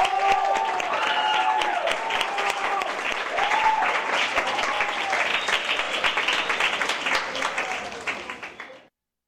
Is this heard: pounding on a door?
no